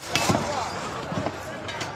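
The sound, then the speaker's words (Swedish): Rescue workers' pickaxes strike concrete in earthquake rubble in Colombia: about three sharp, irregularly spaced blows cutting through a dense, steady wash of background noise with indistinct shouting voices and engine noise mixed in. “Hackor som slår mot betong, rop och motorljud och så plötsligt tystnad när räddningsarbetarna signalerar att de ska lyssna efter röster under rasmassorna.”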